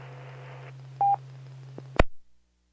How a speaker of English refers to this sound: Your phone's talking to you. Do what now? Sounds like your phone keeps talking to you like a notification.